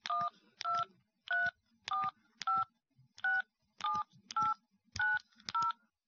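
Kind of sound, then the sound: signal or alarm, telephone keypad dialing tones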